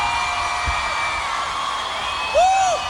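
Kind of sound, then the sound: crowd, crowd screaming and applauding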